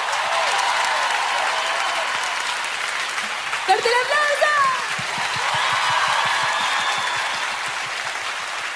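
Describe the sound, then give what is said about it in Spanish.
Steady, dense applause from a large audience for a choir that accompanied a performer at an evening concert fills the whole stretch, with a brief burst of whoops and cheers rising above the clapping partway through. “Quiero pedir por favor un fuerte aplauso para el coro que me acompañó esta noche.”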